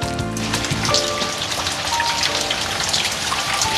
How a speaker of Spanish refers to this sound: Oye, mientras escuchamos la lluvia de fondo